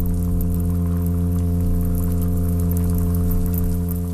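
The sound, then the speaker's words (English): A small olive-brown, golden toadfish's steady, low droning hum recorded underwater, holding one buzzy pitch without a break over a dense crackle of clicks and pops. “It's just a little olive brown golden toad fishy looking thing. You wouldn't know that it could do a feature length sea fart.”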